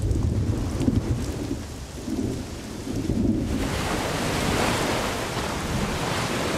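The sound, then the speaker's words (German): A heavy thunderstorm: deep, rolling thunder rumbles for a few seconds, then heavy rain pours down in a dense, steady hiss, with a continuous stormy roar underneath throughout. “Schwere Gewitter ziehen auf.”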